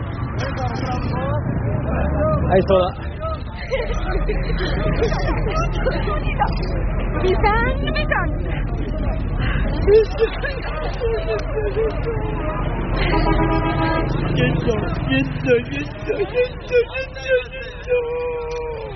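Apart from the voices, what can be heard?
bus arriving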